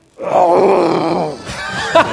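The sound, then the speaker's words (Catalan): At the Hotel Meliá Sitges, a person imitates a lion's roar with a loud, throaty, groaning growl that holds for about a second, then trails into a rougher, breathier second burst. “Comencem pel lleó, d'acord? Imitació del lleó, a veure, quan vulguis.”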